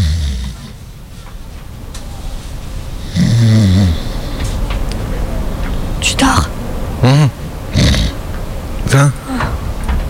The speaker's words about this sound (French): Non, puis il y en a un paquet qui ronfle.